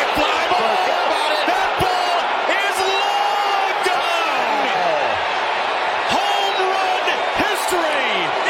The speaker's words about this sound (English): you're wondering why they're cheering. Wow, that's what the fans came to see.